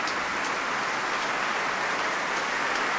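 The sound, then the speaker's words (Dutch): A large concert audience applauds enthusiastically after a piano concerto performance, calling the conductor and soloist back to the stage, a dense, steady wash of many hands clapping at once with a few sharper claps standing out, continuing without a break and with no voices. “Ze zijn de trap opgegaan, maar ik weet zeker dat ze nog naar beneden komen, want het publiek is uitzinnig aan het klappen.”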